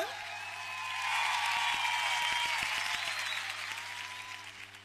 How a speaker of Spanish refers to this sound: ¡Los aplausos para ella! ¡Vamos arriba! ¡Muchas gracias! ¡Los aplausos bien fuerte!